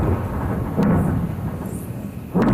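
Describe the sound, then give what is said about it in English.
Heavy explosions from an Israeli bombardment in southern Lebanon overnight rumble low and steadily, with two sharper, louder blasts breaking through the continuous booming. No voices are heard. “Explosions in southern Lebanon overnight.”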